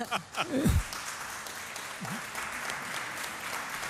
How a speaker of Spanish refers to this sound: Pero bueno, he sido el único que ha arrancado un aplauso, ¿eh?